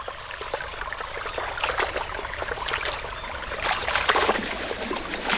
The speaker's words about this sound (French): Oula, ça s'agite dans la rivière. C'est la panique chez les poissons, on dirait. S'ils sautent comme ça, c'est qu'il y a un prédateur dans le coin.